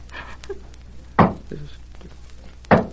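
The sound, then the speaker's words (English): Two sharp, hollow taps on a wooden door, about a second and a half apart, with a few fainter knocks between them over a quiet, steady background hum. “He wouldn't tap like that.”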